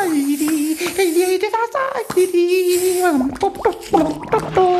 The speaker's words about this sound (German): Der kleine König rast ins Badezimmer, plätschert herum, trällert.